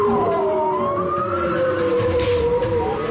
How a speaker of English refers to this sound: Listening to the underwater sounds of bowhead whales recorded off the coast of Alaska. For the first time, scientists are using sounds to take a census of these animals.